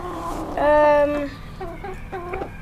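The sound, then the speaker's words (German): A rooster crows loudly in one drawn-out call, followed by a few shorter clucking calls in the background from chickens that are being fed. “Der Hahn kam jetzt nicht aus dem Wald. Nee, ein Hahn kommt nicht aus dem Wald.”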